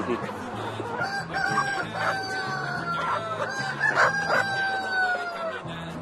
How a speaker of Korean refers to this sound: 주변으로는 끊임없이 닭들이 모여듭니다. 보세요. 딱 일자로 쫙 서서 먹는 거 보면은 예쁘잖아요.